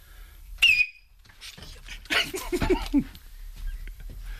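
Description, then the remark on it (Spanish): Miki Nadal lets out a sharp, piercing, almost ultrasonic whistle that bursts out briefly and loudly at a high pitch, followed by a stretch of noisy voices and rustling. “Baja el micro, que va a silbar Miki Nadal.”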